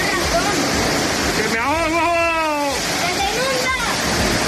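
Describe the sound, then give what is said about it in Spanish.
Heavy rain pours in a steady, dense hiss that fills the whole clip, while a voice speaks briefly over the downpour partway through. “Clásicos de la radio, cuando cae, cuando llueve, ¿y de qué manera?”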